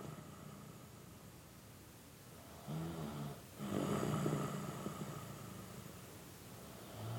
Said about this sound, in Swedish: Det enda som hörs är hans snarkningar.